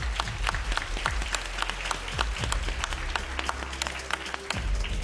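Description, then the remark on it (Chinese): An audience applauds steadily for several seconds, a dense, continuous wash of many hands clapping at once, fairly loud and sustained throughout with a low background hum underneath, congratulating bronze-award-winning school students on stage at a prize ceremony. “此时此刻看到孩子们脸上都是如释重负的笑容啊，经过刚刚的激烈的角逐，最终我们站在这个舞台并且取得了铜奖的成绩，非常的了不起，让我们再一次热烈的掌声祝贺他们。”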